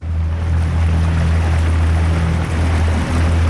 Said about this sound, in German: Wir sind unterwegs mit einem kleinen Boot vom Bootshafen Sursee aus, raus auf den Sembacher See. Kein Lüftchen geht, die Sonne scheint, der See ist spiegelglatt.